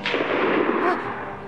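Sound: rifle shot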